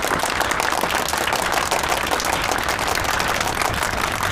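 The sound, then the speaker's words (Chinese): A crowd of wedding guests applauds steadily to welcome the groom's mother to speak, a dense, even wash of many hands clapping at once with no speech, holding a constant loudness throughout. “我想补充两句， 新郎的妈妈应该有些话要送给二位新人，那朋友们掌声有请。”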